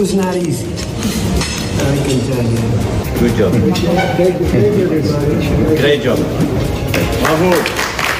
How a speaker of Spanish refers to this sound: Buen trabajo, gran trabajo, bravo, entonaba entre aplausos un entusiasta Macron, sentado ahí, a su lado, en el papel de anfitrión.